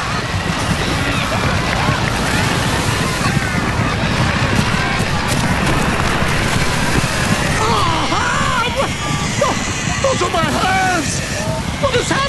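Loud, steady churning of sea waves crashing and surging throughout, a dense rushing roar, with squeal-like cries and grunts of pigs rising over the water near the end as a herd of swine runs down a hillside and plunges into the sea.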